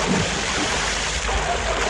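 A big, loud water splash with a broad rushing, churning wash of water that stays steady and full for the whole two seconds, with no voices.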